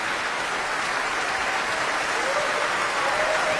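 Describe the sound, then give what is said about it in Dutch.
Sustained applause from a concert audience for violinist Noah Wildschut, a dense, steady wash of clapping at an even loudness throughout, with faint crowd murmur beneath. “Ze was een stukje de trap opgegaan en komt nu weer naar haar dankbare publiek.”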